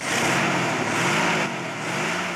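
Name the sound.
car engine running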